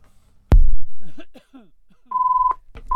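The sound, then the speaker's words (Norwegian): A loud thud and a brief voice give way to a steady, mid-pitched electronic beep, then a second beep cut off at the end. Both tones are clear. “Da ringer det.”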